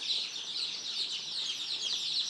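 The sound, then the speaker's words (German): A crowd of two-day-old chicken chicks peeping nonstop, their high, thin chirps overlapping into a steady, busy chorus, with no talking over it. “Die Küken sind gerade mal 2 Tage alt.”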